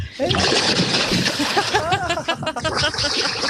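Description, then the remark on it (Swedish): A person plunges with a big splash into 13-degree lake water at Tenniskröket in Härjedalen, head going under, followed by churning and sloshing as they thrash about, while excited voices shout and gasp over the noise. “Nu plaskar jag.”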